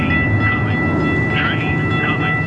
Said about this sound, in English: On this sidewalk in South Phoenix, you can hear all the sounds of the city. Cars are rushing by, and a new section of the light rail is not shy about its arrival.